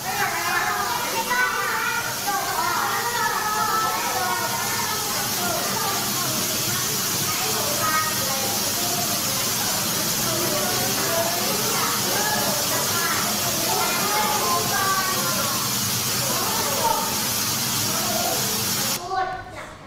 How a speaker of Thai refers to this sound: เสียงนี้คือเสียงน้ำตกนั่นเองเสียงเป็นยังไงคะ ด ัง เสียงดังนะคะแล้วเสียงเป็นยังไงเสียงยาวด้วยใช่ไหมคะอันนี้ก็คือเป็นลักษณะของเสียงน้ำตกนั่นเอง